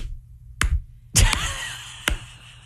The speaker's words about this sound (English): Slow clap, baby.